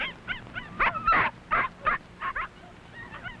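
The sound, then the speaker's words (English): Seven tiny puppies of a small dog named Mac yip and whimper in quick, high-pitched bursts as they romp and play with their mother, about a dozen short cries overlapping irregularly over a few seconds, moderately loud, with no talking. “They like to romp and play with their mother, and she is very sweet with her tiny puppies.”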